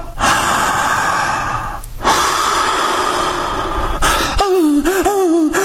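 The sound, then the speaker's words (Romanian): A person in labor, told by a doctor to breathe like a dog, breathes heavily and loudly in long, noisy, dog-like panting breaths, ending in a wavering, high-pitched voiced whimper. “Respirați ca o cățea, împărate.”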